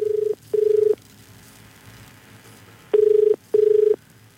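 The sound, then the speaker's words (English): A telephone ringing tone plays over the line as a phone call is placed, in two double-pulse bursts, a steady low purring tone repeated with a pause between, heard alone against faint background noise. “So I think I might actually give Patrick a call now, and we'll just see if we can get on to Patrick”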